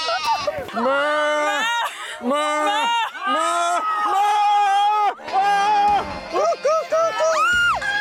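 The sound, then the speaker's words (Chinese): People loudly imitate a sheep's bleat, a run of wavering, nasal "baa" calls repeated one after another, overlapping at times with no pauses between them. “你是什么？咩？对对对对对。”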